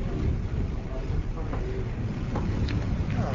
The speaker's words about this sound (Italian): Qui c'è molto vento.